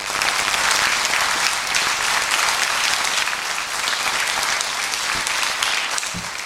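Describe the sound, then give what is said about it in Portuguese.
An audience applauds for Jesus steadily for several seconds, a dense, sustained wash of many hands clapping at once, fairly loud, with no talking over it. “Antes de ir, graças a Deus por esses parágrafos e palmas para Jesus.”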